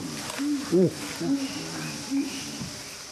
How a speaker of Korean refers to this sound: 반응이 있는데? 지금? 기분 나빠하는 것 같은데. 아니요, 저 반응이 좀 있어요. 뭐라고 하는 거예요, 원숭이가? 아, 이게 다른 원숭이라 갖고 지금 다른 원숭이가 왔는지 알고.